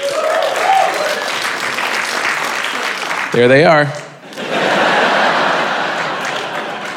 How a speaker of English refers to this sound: I always love that clap. It's always very proud, and then they realize it's only like five people.